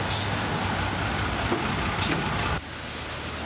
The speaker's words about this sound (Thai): ตอนนี้ที่ฉันอยู่บนรถเมล์กำลังจะนั่งไปไทย PBS ค่ะแต่ว่าการสัญจรก็ค่อนข้างลำบากนะคะตั้งแต่ก่อนสนามบินดอนเมืองเป็นต้นไปก็น้ำท่วมสูงค่ะสัญจรลำบากนะคะ